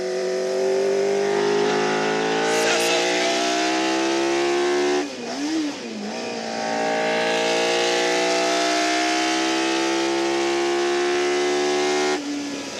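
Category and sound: vehicle, powerful car engine accelerating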